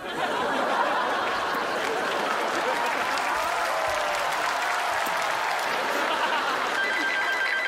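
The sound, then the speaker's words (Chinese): A phone ringtone for an incoming call trills through steady, loud applause from an audience, its tones partly buried under the clapping for the whole stretch. “等我来电话了。”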